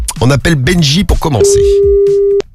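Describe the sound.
A man talks briefly, then a steady telephone ringback tone sounds for about a second as he places a call, partly under lingering voices, before cutting off with a sharp click.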